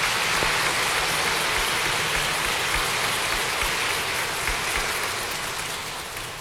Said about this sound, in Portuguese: Nossa Senhora merece uma grande salva de palmas, né, gente?